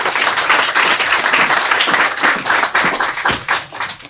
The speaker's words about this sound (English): Let's clap it up for author